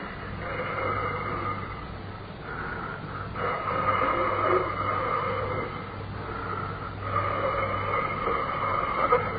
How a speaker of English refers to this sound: I felt it again, coming out of the keyhole. Not a draft. Not a draft at all. What I felt was breathing.